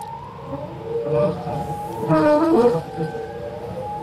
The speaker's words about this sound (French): On évoque le chant des baleines dans CQFD aujourd'hui. Je vous propose un extrait d'un disque étonnant daté de 1970.